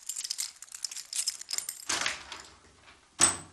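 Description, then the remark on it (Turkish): Keys jangle in a bright metallic flurry for a couple of seconds, then a key turns in the lock of a locked office door and the door gives a sharp clunk near the end. No voices. “Kapı kilitli. Anahtar yanımda.”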